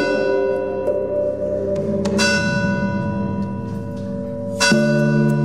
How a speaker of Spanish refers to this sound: Tuvimos un conflicto por el tema de las campanas, ¿no? El sonido de las campanas en horario de noche, ¿no? Con un vecino de Beceite, ¿no? Que tenía una casa rural, ¿no? Porque se le quejaban sus clientes, ¿no? que les molestaban las campanas, ¿no?